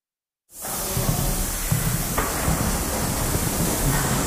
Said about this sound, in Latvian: Šņācošā skaņa, kas mani sagaida Latvijas Mākslas akadēmijā, izstāžu telpā Duo Kronvalda bulvārī, ir no tvaicētāja. Ar tvaiku apstrādā telpā izkārtotos tekstilmākslas nodaļas diplomdarbus, kas veidoti laikā no 1967. Līdz 1989. Gadam.